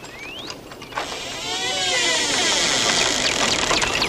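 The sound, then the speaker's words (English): A shed door in a garden squeaks open, starting with a short rising squeal and then a long, wavering creak that bends up and down in pitch over a steady hiss. No one speaks. “Sam stares at the bizarre garden as a shed door squeaks open.”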